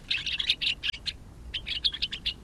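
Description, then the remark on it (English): Gray-crowned rosy finch calls: rapid bursts of short, high chirps, a quick run, a brief pause, then another run, with no voices. “The gray-crowned rosy finch nests in rocky crags at higher altitudes than almost any other North American bird.”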